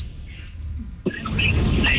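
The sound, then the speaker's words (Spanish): Shrill, high-pitched parakeet squawks and squeals break in about halfway through, fairly loud and repeated over a rough, noisy background with no one talking. “Perico, ¿eres tú?”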